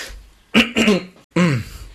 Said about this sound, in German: Ja, oh Gott, Entschuldigung, dass da heute so viele Huster drin sind. Ist aber auch, so ist es halt. So ist es manchmal, wenn die Stimme schon belastet ist.